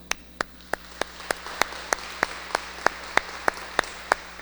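An audience applauding together, with sharp claps falling in a steady unison rhythm of about three per second over a soft wash of scattered clapping in a reverberant room.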